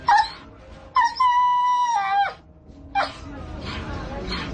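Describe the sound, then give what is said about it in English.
Hungry dogs in Uganda whimper and howl: a short high whine, then a long drawn-out wavering howl lasting over a second, followed by another brief whimper over a steady noisy background. “As you see, our dogs are hungry.”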